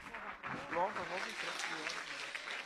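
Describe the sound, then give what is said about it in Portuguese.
A church audience bursts into steady, dense hand clapping for a few seconds, applauding for Jesus as a woman preacher is welcomed, with excited voices calling out over the applause. “Então vamos ouvir a serva de Deus com palmas para Jesus.”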